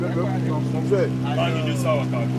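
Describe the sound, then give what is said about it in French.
A steady low engine drone hums throughout from a single 15-horsepower outboard motor mounted at the very back of a pirogue, part of a raft of pirogues tied together with ropes, with faint voices talking over it. “Le moteur, c'est 15 chevaux. Un seul moteur. Un seul moteur, oui. Le moteur est sur la pirogue tout derrière.”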